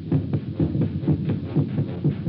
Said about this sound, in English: It's your heart, of course, that you hear, stepping up its cadence, pounding under the forced draft of fear. Now you can see nothing, remember nothing, sense nothing but this strangling, suffocating beat of your own heart, throbbing its final protest